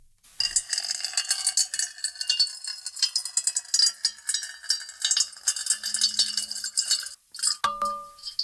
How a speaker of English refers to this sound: Soothing. So it will probably be seven times as soothing if we layer seven tracks of water being poured into a metal bowl. No, I was wrong. This is agitating.